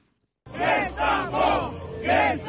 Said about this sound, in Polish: Wzburzony tłum protestujących przed Trybunałem Konstytucyjnym i przepychanki z policją.